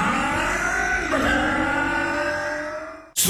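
A loud motorcycle engine revs steadily for about three seconds, its pitch climbing once partway through, then cuts off abruptly with a short sharp burst of noise.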